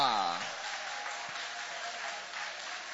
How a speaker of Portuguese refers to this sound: Pode tomar o vosso assento, guarda a sua Bíblia com carinho e aplaude a Deus com alegria. Aplaude o nome do Senhor. Oh, glória!